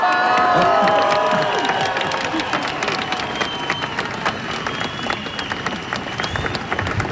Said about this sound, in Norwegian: Og da hører du litt applaus, litt spredt, men det er tettpakka. Tettpakka med folk på Slottsplassen nå.